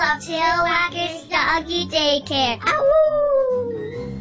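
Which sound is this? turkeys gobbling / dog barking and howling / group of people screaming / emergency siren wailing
dog barking and howling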